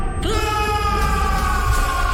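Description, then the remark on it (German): An audience at a show screams loudly in unison on the host's call, a sustained, wailing roar of many voices that holds steady without a break for about two seconds. “Und lasst uns jetzt laut zusammen schreien!”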